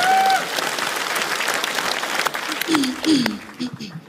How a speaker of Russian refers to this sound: Все, давайте поаплодируем мата. Быстрее. Друзья, аплодисменты, это быстро.